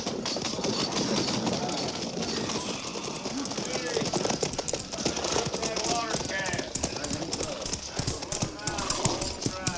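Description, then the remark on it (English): Horse hooves clatter in a rapid, steady clip-clop throughout, fairly loud, as a rider approaches, with murmuring voices and a busy outdoor bustle mixed underneath. “Rider coming this way, sir.”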